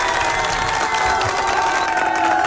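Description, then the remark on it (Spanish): A crowd applauds and cheers in a steady, dense wash of noise that holds at an even loudness for the whole stretch, with no single voice standing out. “Un fuerte abrazo y aplauso sobre todo.”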